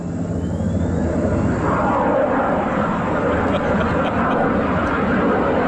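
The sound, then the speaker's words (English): A small private single-propeller plane, a Cessna that probably looks like a 172, drones steadily overhead above Camp David, a loud, continuous engine rumble and whine that fills the whole recording, with indistinct voices murmuring underneath. “So you hear the private plane, single prop, probably looks like a 172, flying overhead.”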